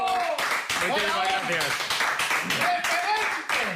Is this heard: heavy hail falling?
no